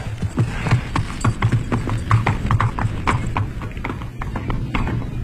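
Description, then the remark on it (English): Horse hooves clip-clop in a steady, fairly quick rhythm for several seconds, clear, with a low droning hum underneath. “And you try to be a cowboy riding on a horse.”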